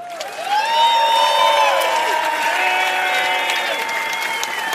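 Loud, sustained applause from the audience of the TV show Immer wieder Sonntags, with cheering and whoops rising over it, staying steady for several seconds before easing slightly, welcoming a performer who was last week's day winner.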